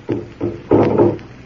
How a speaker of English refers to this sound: Listen. The drum. It's getting louder. Listen to it.